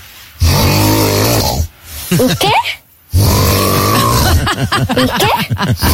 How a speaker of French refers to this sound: Ouais, c'est le papa qui ronfle. J'aime beaucoup cette version avec les ronfleurs.